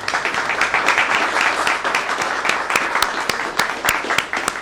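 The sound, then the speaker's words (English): A crowd in Illinois applauds legislative partners steadily, a dense wash of many hands clapping with sharper individual claps standing out, sustained at a fairly loud level throughout. “And I want to thank them for their partnership in this endeavor and give them a big round of applause.”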